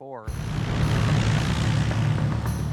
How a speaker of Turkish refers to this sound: Kule, 66 Tango Sierra uçak kalkış için hazır.